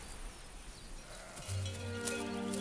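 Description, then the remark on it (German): A sheep or goat grazing on a protected Buckelwiese (hummocky meadow) lets out a long, wavering bleat over steady outdoor rustle, following a stretch of low background noise. No one speaks. “Und damit der Wald nicht Fuß fassen kann, lässt man Schafe und Ziegen auf ihnen weiden.”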